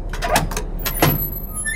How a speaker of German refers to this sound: Boah, quietscht die. Ja, die muss quietschen, damit ich höre, dass ich noch eine Tür habe, ne?